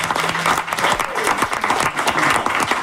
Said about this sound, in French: Ces personnes-là ont toutes ma reconnaissance et mon admiration. Ce sont de vrais professionnels. Oui, on va les applaudir.